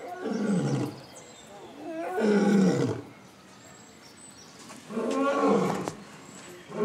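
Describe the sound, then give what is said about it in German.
A lion named Tarson roars three times in deep, rumbling bursts, each swelling and fading over about a second with short pauses between, loud with no talking; the roaring is communication to his surroundings, marking his territory and family. “Dieses Gebrülle, was er da gerade gezeigt hat, das ist so schon eine Kommunikation für praktisch seine Umgebung.”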